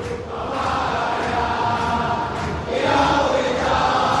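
A dense, roaring mass of Boca Juniors football fans chanting together in a stadium during a match, loud and sustained, with a rhythmic swell that rises slightly near the end. No individual voices stand out.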